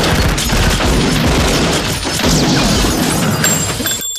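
A loud, sustained burst of gunfire with rapid, overlapping shots and heavy booming cracks, a dense barrage that continues for about four seconds before cutting off abruptly.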